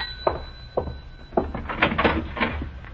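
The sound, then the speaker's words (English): The front door of a house is opened: a few sharp latch clicks and knocks, then a busier rattling as it swings, over a faint steady hum with no talking. “I'll answer the door, Mike.”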